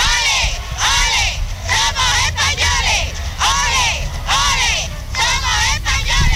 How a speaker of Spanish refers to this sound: Una multitud enfervorecida y apasionada gritaba al paso de los reyes Juan Carlos y Sofía aquello de ole, ole, ole, somos españoles.